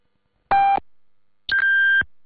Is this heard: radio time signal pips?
yes